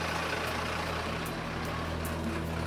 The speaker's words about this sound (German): Und die Feuerwehr tastet sich langsam vor. Gas geben!